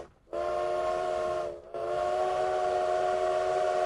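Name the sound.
train whistle sound effect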